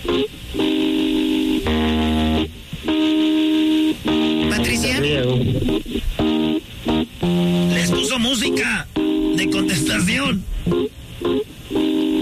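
Tinny, narrow-band hold music plays steadily over a phone line after a caller puts the call on hold, with sustained tones and a warbling melodic line, filling the whole stretch with only brief dips.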